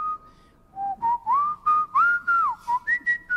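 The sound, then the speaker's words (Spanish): Someone whistles an opera melody, a clear run of sliding and steady notes in a lively phrase, with no voices or other sounds around it. “Todo el mundo cantaba y silbaba los temas de la ópera.”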